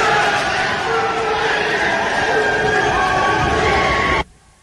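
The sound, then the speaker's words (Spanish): A large crowd of legislators, including senators Rafael Nieto of the Centro Democrático and Aida Bella, cheers and applauds loudly and continuously in celebration and in favor of doctor Enríquez, a dense roar of voices and clapping that holds steady for about four seconds before cutting off abruptly. “el momento en el que uno ve a gente como Rafael Nieto, senador del Centro Democrático, con la senadora petrista Aida Bella, encantados, aplaudiendo y gritando a favor del doctor Enríquez.”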